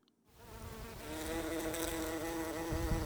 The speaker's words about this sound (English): Bumblebees are one of the sights and sounds of the British summer.